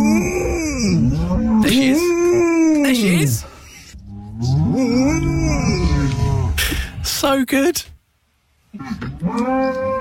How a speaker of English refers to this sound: Have you ever heard a dog moo instead of bark? There's a golden retriever called Lucy Woos, great name, on Instagram, and she's been to a farm where she saw a herd of cows in a field and she's mimicked them.